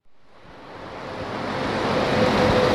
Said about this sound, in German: Ein grosses, hellgraues Sandsteinkreuz. Nebendran Verkehr, rundum ist es laut.